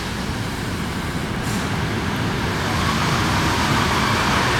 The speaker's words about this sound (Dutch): daar komt echt een treintje met Jan binnen